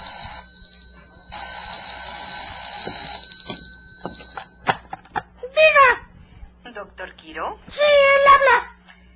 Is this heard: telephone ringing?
yes